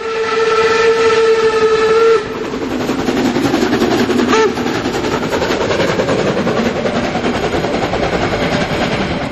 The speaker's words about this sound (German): Und hier stampft die Dampflok der HSB den Berg hinauf, kurz vorm Bahnhof 3 an den Hohne.